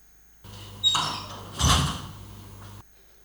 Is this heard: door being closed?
yes